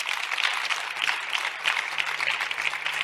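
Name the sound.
audience clapping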